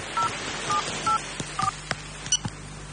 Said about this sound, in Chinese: 他拿起手机换上这个卡片，拨打了一个号码